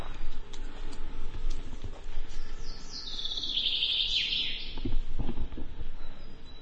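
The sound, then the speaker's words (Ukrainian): A thin, high-pitched drone whine passes overhead, swelling for a couple of seconds and then fading away, above steady outdoor background noise with a few scattered knocks. “Ми зараз почули звук дрона, він тут десь над нами.”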